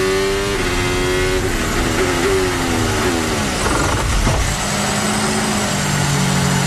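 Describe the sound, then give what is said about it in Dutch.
A Formula 1 car engine roars loudly, its pitch stepping down in quick drops as the driver shifts down through the gears while braking for the last corner, with no talking. “Moet hem ook even snel door de versnellingen gaan om af te remmen.”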